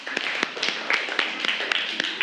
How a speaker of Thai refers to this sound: โอเคปรบมือให้เพื่อนหน่อยครับ